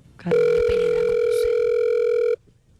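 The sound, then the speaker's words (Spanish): After a few faint clicks of a phone number being dialed, a loud, steady electronic telephone tone holds for about two seconds, then cuts off abruptly into quiet background noise. No one speaks. “No, ese sí era todo lo que me demoré marcar.”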